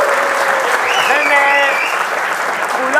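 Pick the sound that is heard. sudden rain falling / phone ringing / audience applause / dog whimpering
audience applause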